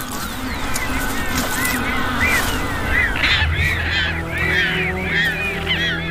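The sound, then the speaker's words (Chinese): Magellanic penguins in Patagonia call continuously from a crowded colony in February, overlapping braying, honking cries rising and falling in quick succession over a steady, noisy wash of background sound. “到了二月，巴塔哥尼亚的麦哲伦企鹅幼鸟开始独立觅食，成年麦哲伦企鹅已完成换羽，迫不及待地想要重返大海。”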